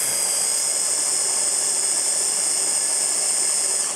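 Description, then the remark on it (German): A blender mixing anchovies and other ingredients into a creamy sauce runs steadily for about four seconds, a loud, even, high-pitched whirring drone with no pauses or changes in speed and no voices. “Ordentlich mixen.”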